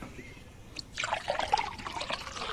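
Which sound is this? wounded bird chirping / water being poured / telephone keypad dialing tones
water being poured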